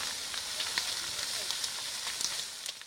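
A large forest fire in the Brazilian Amazon roars with a steady hissing rush, broken by scattered sharp crackles and pops throughout, fairly loud with no one speaking, as the flames consume vegetation and approach houses and farmland.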